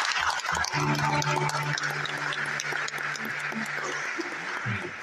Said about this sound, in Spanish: Que tengan muy feliz domingo. Gran aplauso para todos.